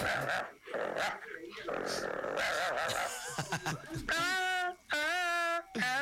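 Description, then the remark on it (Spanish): A dog growls and snarls, then lets out two loud, drawn-out, high-pitched yelping whines, with a brief pause between them. “Acá tengo un perro.”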